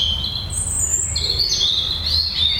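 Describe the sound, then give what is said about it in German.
A European robin sings a fluid run of high, thin whistled phrases that rise and fall, quite loud and clear, over a steady low outdoor rumble. “Das ist Rotkehlchen. Das ist schon ganz schön laut.”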